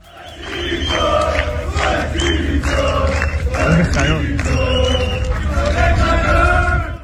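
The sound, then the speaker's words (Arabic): A large crowd of Beitar football fans chants racist chants together in Europe, in loud, sustained unison. Massed voices rise and hold pitched, shouted lines over a steady low roar for the whole stretch. “الهتافات العنصرية أيضا لجمهور بيطار لا تفارق هذا الجمهور أيضا على أراضي القارة العجوز.”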